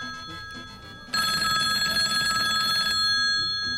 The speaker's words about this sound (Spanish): Son las 8:06 y tenemos una línea de teléfono. Y a ver qué suene.